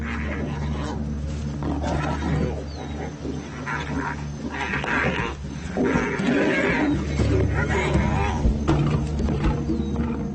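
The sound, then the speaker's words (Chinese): A pride of lions growl and snarl as they attack a lone African wild dog, with harsh bursts of roaring, scuffling and faint whimpers rising and falling throughout, busiest toward the end. “这只猎狗的命运有些不同寻常，对狮群来说，这似乎更像是一场游戏，而不是杀戮。”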